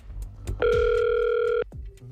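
A single steady telephone ringback tone sounds for about a second, clear, then cuts off, leaving only faint low background noise before and after, as a Catalunya Ràdio radio show dials a listener's phone.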